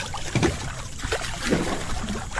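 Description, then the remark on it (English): Warm water sloshing and splashing in a hot tub, a steady churning wash with irregular swells and small gurgles, moderately loud, with no one speaking. “Waves, and we can make waves.”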